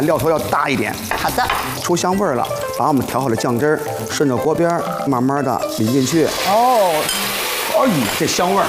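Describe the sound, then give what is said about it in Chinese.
A steady hiss runs under continuous talk as a sauce of one spoon of bean paste diluted with cooking wine sizzles and stir-fries in a wok for braised fish, stir-fried longer than usual. A person speaks for the whole stretch. “一勺的酱，平常我得放3勺，嗯， 这次放1勺，嗯， 这个时候呢，我们加入料酒给它稀释一下，哎， 炒制时间变长了。”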